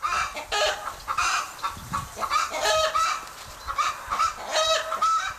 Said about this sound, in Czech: Ty vtipálku, jasně, že poznáme i posledního opeřence. Je to 3, 2, 1, slepice.